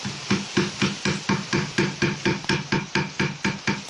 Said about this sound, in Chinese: 刚才大家听到的声音是黑刀凿入木层打磨木面的声音，就是我们佛山木雕独有的工艺声响。一刀一凿就藏住几百年的岭南工艺底蕴。